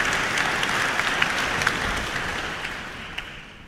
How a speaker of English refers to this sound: And that applause for Executive Director of the competition, Anne Rodder, who, along with Alistair Carruthers, Chairman of the Jury, will say a few words.